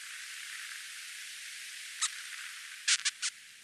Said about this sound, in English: This method has given her unique access to the sounds of narwhals echolocating, for example, to locate their prey. Narwhals click and buzz as they dive half a mile below the surface of the water, foraging for food.